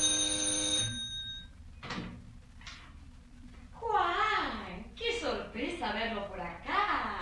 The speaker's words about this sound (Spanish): Pocos minutos después, sonaba el timbre de la puerta en casa de Mercedes.